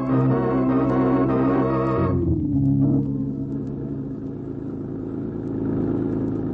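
A car engine drives at speed along a highway, a loud, buzzing roar with a droning tone that drops after about two seconds into a lower, steady rumble that carries on to the end. No one speaks.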